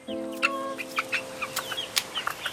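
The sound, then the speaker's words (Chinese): Chickens cluck in short, irregular bursts, with a steady low hum running underneath and no voices. “有时候要这样子教他们，因为他们是小鸡。”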